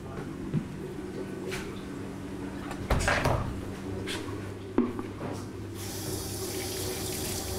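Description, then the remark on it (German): Warm water runs steadily from a tap into a sink to thaw a frozen feeder mouse for a small rattlesnake, with a few clunks and knocks of objects being handled, and the flow brightens and strengthens toward the end. No one speaks. “Die taut ziemlich schnell auf, jetzt im warmen Wasser.”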